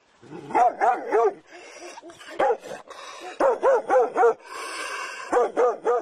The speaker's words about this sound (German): Da war er auch schon, der bissige Hund, und als ich mich dem Haus gegenüber zuwandte, merkte ich nicht, dass er durch eine offene Gartenpforte schlüpfte.